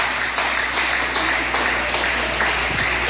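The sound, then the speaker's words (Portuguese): A church audience applauds to glorify Jesus, many hands clapping together in a dense, continuous wash of sound that stays loud and even throughout, with no voices rising above it. “Palmas que glorifique o Senhor Jesus.”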